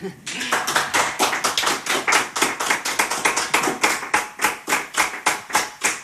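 Applause for a guest speaker after his talk rings out as a steady train of sharp, distinct claps, loud and fairly even in rhythm, running for several seconds without any talking.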